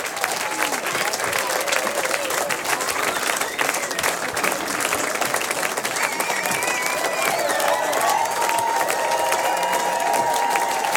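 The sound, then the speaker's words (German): A large audience at the end of a first concert applauds and cheers loudly and steadily throughout, dense clapping with whoops and shouted voices rising over it, after the act's hit was played last; the audience had clapped and sung along. “Die Leute haben da mitgeklatscht und mitgesungen.”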